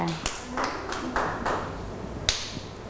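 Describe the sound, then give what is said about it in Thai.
Children in a class clap their hands at the teacher's request to applaud a classmate, in a loose, scattered way, a handful of sharp claps at uneven intervals, with faint voices murmuring in the background. “หมดแล้วเก่งมากเด็กๆปรบมือให้”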